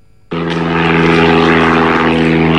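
large cargo drone flying

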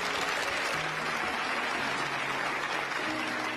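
audience applause

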